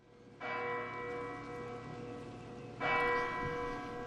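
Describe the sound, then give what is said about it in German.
The large bell of the sanctuary strikes 9 p.m. (21:00), sounding twice with about two and a half seconds between blows, each stroke ringing out loud and rich with a long, humming decay, marking the start of an evening candlelight rosary prayer before the Rosary Basilica. “Die Glocke des Heiligtums schlägt 21 Uhr und damit beginnt diese Lichterprozession, die heute allerdings in der Form eines Rosenkranzgebetes ohne Prozession, aber mit vielen Kerzen vor der Rosenkranzbasilika mit Papst Leo stattfinden wird.”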